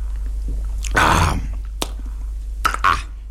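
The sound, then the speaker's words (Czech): A loud, wet lip smack after a drink from a glass in an old pub, followed by a faint click and a couple more smacking mouth sounds, with no talking. “Pan Heroun s hlučným mlasknutím.”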